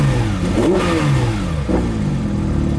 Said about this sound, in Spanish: Este es el Porsche 911 GTRS. Y vamos a arrancar.